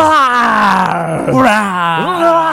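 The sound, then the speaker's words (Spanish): A person growls out a long, drawn-out dinosaur roar, a rough, strained vocal groan that wavers and dips in pitch before rising again at the end, loud and alone. “A ver, ¿cómo le hacen los dinosaurios?”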